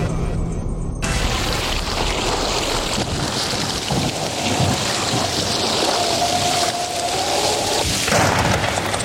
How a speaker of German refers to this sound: Das war wohl eine Fehlschaltung. Das war nicht Wetter an der Ruhr, sondern Unwetter an der Ruhr.